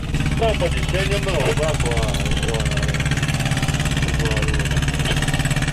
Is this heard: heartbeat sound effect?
no